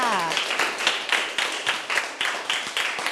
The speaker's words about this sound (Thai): เอาละค่ะปรบมือให้เพื่อนค่ะ